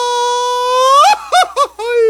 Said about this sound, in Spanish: te sale el grito de mariachi? ¿El cuaco? A ver. Más o menos, ¿eh? A ver.